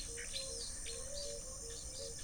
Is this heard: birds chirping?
yes